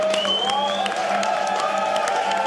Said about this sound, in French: Et on applaudit l'hymne suisse quand même.